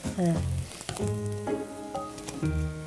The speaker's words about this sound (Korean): 그러니까 이거 밀가루 안 넣어도 이렇게 잘 부쳐지잖아.